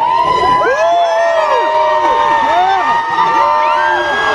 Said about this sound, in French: Et une foule complètement en délire sous le regard ému de la star québécoise